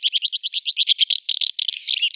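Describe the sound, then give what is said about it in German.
Rapid, dry twittering chirps from a house martin, delivered in a quick continuous chatter with a few rhythmic bursts, clear with no voices. “Sie hörten die Mehlschwalbe, was den Vogel des Jahres ausmacht und warum er gefährdet ist.”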